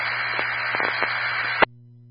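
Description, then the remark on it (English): A steady hiss of radio static fills the channel for about a second and a half, crackling with small bursts, then cuts off sharply with a click, leaving only a low hum. “You got static at the end.”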